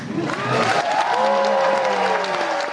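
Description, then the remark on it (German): Loud, steady applause from a large audience for a band at the opening of the Zigzag Jazz Festival in the Gasometer on the EUREF Campus, Berlin-Schöneberg, with scattered whoops and a few sustained tones from voices or instruments gliding over the dense clapping. “Ja, da war der Applaus groß gestern beim … zur Eröffnung des Zigzag Jazz Festivals im Gasometer in Berlin-Schöneberg auf dem EUREF Campus.”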